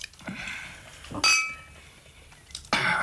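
Wine glasses clink together in a toast, two bright ringing chimes about a second and a half apart, fairly loud, with soft handling noise between them.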